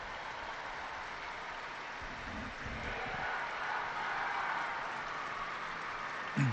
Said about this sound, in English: Big round of applause going up from the pilgrims gathered in St. Peter's Square.